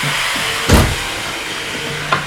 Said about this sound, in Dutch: Nou, je hoort dat op het ogenblik wordt er flink gezaagd.